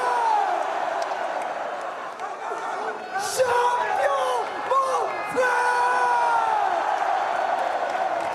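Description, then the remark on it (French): A large crowd at a championship celebration cheers and yells continuously. Whoops and shouts rise over a dense roar that stays loud throughout, with a few sharper bursts of yelling standing out midway. “Faites du bruit.”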